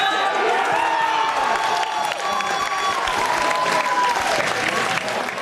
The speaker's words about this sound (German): Großer Jubel bei den Fans der Spielgemeinschaft Frohnhofen Fleischwangen.